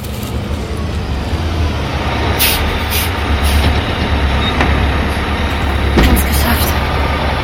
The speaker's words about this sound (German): Kommt der Zug, dann sind wir hier weg.